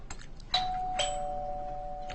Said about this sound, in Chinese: 自从对面一搬来人，咱家门禁就没消停过。